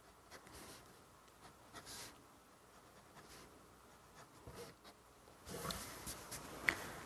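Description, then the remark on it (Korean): Soft scratching of a pen shading across paper, darkening the parts of a flower drawing where petals meet, in repeated brushing strokes that grow a little louder and busier toward the end, with no talking. “이 부분들은 한 번씩 다시 지나가서 조금 더 진하게 해주세요. 이것만 해도 되게 그럴싸하죠? 이거 전체 한 바퀴 돌릴게요.”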